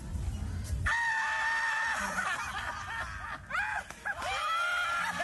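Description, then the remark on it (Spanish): A chicken squawks and cackles in drawn-out, wavering shrieks, several calls in a row with brief pauses, loud over a low rumbling background. “Esos son hinchas de River, porque viste que tienen sonrisa de gallina, escucha.”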